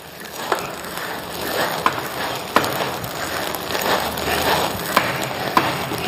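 Tea leaves crackle and pop in a hot wok over a firewood fire during the kill-green (shaqing) stage of hand tea-making, a steady dense sizzle broken by scattered sharp snaps at irregular intervals, with no voices over it.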